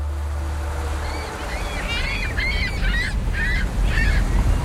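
Several gulls call in repeated harsh, squawking bursts on the quay of a port, layered over steady low waterside rumble and wind, with no talking.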